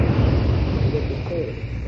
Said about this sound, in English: That jet of fresh pure moisture stands for the new, all-new Rowley 903 cigarette. It's moisturized to stay fresh longer.